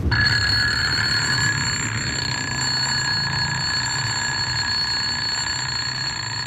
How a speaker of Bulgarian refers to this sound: Гласът на будилника, който ви измъква от съня и отваря клепките ви, също не е обикновен глас. В него има една куковичка, едно наперено педле, шепот на планинска рекичка и звън на медна камбана.